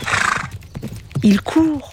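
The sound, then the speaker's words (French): Galloping hooves pound in a quick, rumbling rhythm over a rush of noise, then a horse lets out two loud neighs near the end. “Un cheval qui court au galop dans le ciel.”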